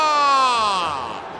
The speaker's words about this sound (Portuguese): Essa vaia é merecida, ia tomar o segundo gol aqui na arena, a equipe do Santa Cruz